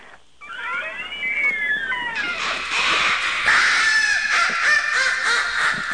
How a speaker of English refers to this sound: Was that the door? Yeah, sorry. Wow. I go ahead and put a little WD-40 on that hinge.